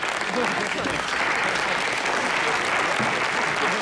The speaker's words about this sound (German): Danke, danke, danke, danke. Aber dieser Applaus steht nicht mir zu, sondern meinem Team.